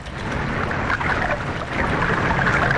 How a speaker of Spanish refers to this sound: se revuelve en movimiento rápido, sumergiéndose con sus compañeros en la espalda.